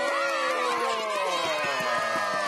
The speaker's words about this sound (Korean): 야하! 정말 놀라운 마술이었습니다. 어허, 네. 멋진 마술을 보여주신 우리 마술사님께 박수! 박수!